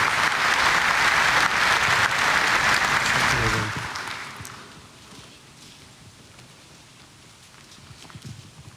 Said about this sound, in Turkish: Sayın Ankara Valimizi ve Sayın Ankara İl Başkanımızı kuvvetli alkışlarımızla sahneye davet ediyoruz.